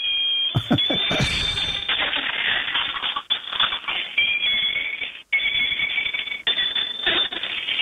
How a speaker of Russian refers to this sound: Есть велосипед, который едет и издает звуки. Давайте. О, сейчас заработает, нет?